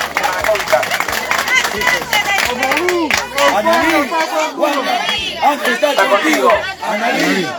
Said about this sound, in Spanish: Un fuerte aplauso para ella, por favor.